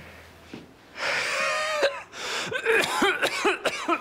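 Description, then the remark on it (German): Heavy, wheezing breaths drawn in and out through an open mouth by a patient under a doctor's examination, a long raspy inhale with a whistling tone, then a series of shorter, harsh gasping breaths with high squeaky wheezes. “Starkes Atemgeräusch.”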